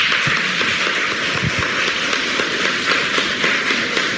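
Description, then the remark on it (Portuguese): A crowd applauding steadily for pilgrims from several cities, a dense, loud wash of many hands clapping at once that holds evenly for the whole stretch, with no voices heard over it. “Uma salva de palmas para os romeiros.”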